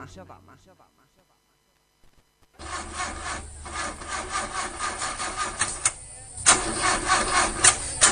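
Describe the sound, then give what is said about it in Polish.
A voice speaks briefly, then after a short pause an old car engine cranks loudly and roughly, sputtering and grinding in uneven bursts as it struggles and fails to catch. “Neđe ti nešto taj auto, a?”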